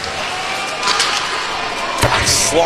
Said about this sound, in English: Slammed in from center, high off the end glass.